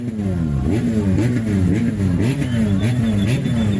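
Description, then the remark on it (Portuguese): Engines rev loudly and continuously at the Festival de Carne de Magude in Maputo province, their low growling pitch repeatedly rising and falling in overlapping surges for several seconds, with no talking. “Para além da habitual música dos amplificadores e alto-falantes, houve quem entendeu que o festival também era feito do roncar dos motores, e os roncou.”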